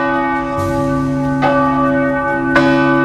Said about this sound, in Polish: parafianie rozpoczęli zbiórkę podpisów pod wnioskiem o to, aby nic nie zmieniać, bo dzwony odzywają się tylko 2 razy dziennie, w samopołudnie oraz po 16:00 i ich zdaniem uciążliwe nie są.